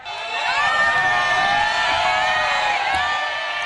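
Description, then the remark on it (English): A large crowd in the streets of Bangkok, Thailand, gathered to glimpse former Prime Minister Thaksin Shinawat released from prison on parole, cheers and whoops continuously, many voices blending into a loud, sustained roar with high-pitched shouts rising above it. “Crowds filled the streets of Bangkok to catch a glimpse of Thaksin Shinawat being released from prison on parole.”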